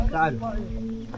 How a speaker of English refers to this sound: Hit the deck. Go. We can hear a drone above and we've been told that it's a Houthi drone, so we're just taking cover.